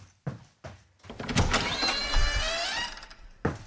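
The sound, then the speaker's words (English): A door to the outside world opens: three quick clunks, then a steady mechanical whirring with a rising whine that lasts a couple of seconds and ends in a solid thunk. No one speaks. “Okay, I shall go off and open the door to the outside world and get back into reality.”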